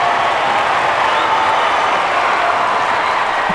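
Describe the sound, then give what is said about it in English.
A crowd applauds steadily, dense clapping filling the whole stretch at a constant, fairly loud level with no voices standing out. “In fact, a round of applause.”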